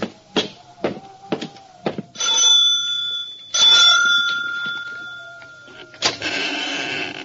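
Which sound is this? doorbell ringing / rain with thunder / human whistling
doorbell ringing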